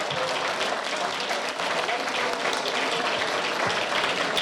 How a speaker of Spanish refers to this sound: Un aplauso fuerte de todas y de todos.